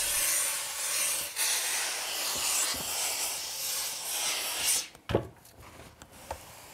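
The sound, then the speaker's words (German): A steady hiss of steam runs for several seconds as the last bumps and dents are steamed out of a felt hat, then gives way to a few soft rubbing and brushing strokes as a hand smooths the felt to lay its fine hairs in line. “Letzte Unebenheiten und Dellen werden mit Dampf herausgebügelt.”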